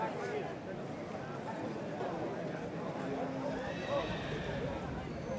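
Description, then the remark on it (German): Two foals whinnying as their owners come to collect them, amid a dense, busy background of hooves and movement, with a higher, drawn-out neigh standing out near the middle and muffled voices mixed in. “Jetzt müssen sie aber noch ihre 2 Fohlen abholen.”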